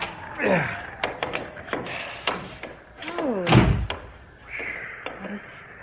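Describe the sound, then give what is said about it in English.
A door is rattled and tried in freezing cold weather: a series of sharp latch clicks and knocks, then a creaking hinge sweeps down in pitch with a heavy thud as it swings open. “Oh, for heaven's sake, try the door.”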